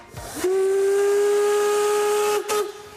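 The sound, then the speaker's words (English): A historic narrow gauge steam locomotive of the Harz Mountains railway up to the Brocken sounds one long, steady whistle blast lasting about two seconds, loud, with a hissing rush of steam around it and a brief chuff as it cuts off. “The historic steam locomotives are a tourist attraction in the Harz Mountains.”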